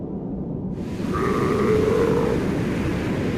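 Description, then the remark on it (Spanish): A Southern Ocean (Antarctic) seal gives a single drawn-out, bleating call with a nasal, wavering tone among the ice, rising out of a steady low rumble that fills the background. “Las focas del Océano Antártico viven entre dos mundos, el hielo y el océano.”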